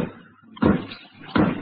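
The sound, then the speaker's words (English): A hammer bangs twice during a court hearing, two loud, heavy thuds spaced under a second apart, each with a short ringing decay over a low, murmuring background. “For the last time, will whoever's banging that hammer, please stop it.”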